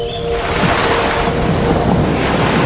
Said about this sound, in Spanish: Desde la calmada superficie de los lagos, viajamos a los márgenes del agitado mar para evaluar los poderes de un equipo naval que es mitad acuático, mitad terrestre.